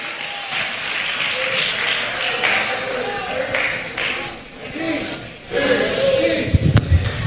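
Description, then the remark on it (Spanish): An audience breaks into sustained applause for a couple, a dense wash of many hands clapping that dips briefly in the middle, then swells louder toward the end with a few sharper claps and faint voices. “Den un aplauso entonces a esta pareja.”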